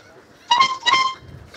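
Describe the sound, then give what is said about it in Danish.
A boat horn, sounded by the boat's owner to play a piece of music, honks two short, bright notes in quick succession, like the start of a tune, loud, then fades into a faint low rumble. “Og han vil nu sammen med ejeren af båden Trutte Dytte et stykke musik”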